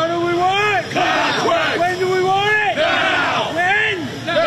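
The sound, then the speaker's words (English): A crowd of Long Island Railroad workers picketing during a strike at Penn Station in Manhattan chants loudly in unison, "What do we want? Contract!", voices rising and falling in a steady repeated rhythm with strained, shouted pitch and a murmur of extra voices underneath. “Long Island Railroad workers picketing at Penn Station in Manhattan.”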